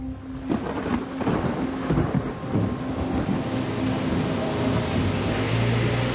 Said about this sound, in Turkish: Gerçekten çok yoğun, şiddetli bir yağmur fırtınasıyla uyandım.